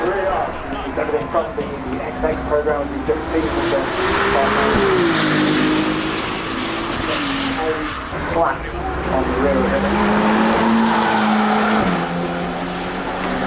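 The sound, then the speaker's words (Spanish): Ferrari race car engines roar continuously, their pitch sweeping up and down as they accelerate and shift gears, loud, with faint tire squeal and a hint of background voices. “Pero primero, por favor, escuchemos más los motores de esta maravillosa marca de Ferrari.”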